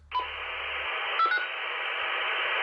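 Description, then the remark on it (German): Two-way radio static hisses steadily, broken by brief tone beeps near the start and again about a second later, with no voices yet, as a farm family radios their neighbours to check that everyone is all right. “Wir funken unsere Nachbarn über das Radio an, um zu hören, ob es allen gut geht.”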